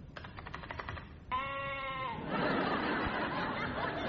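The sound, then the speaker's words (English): A brief burst of rapid clicking gives way to a single loud, steady sheep bleat, then dissolves into a harsh, rushing static hiss that continues to the end. “A sheep logging into an internet bleach room there.”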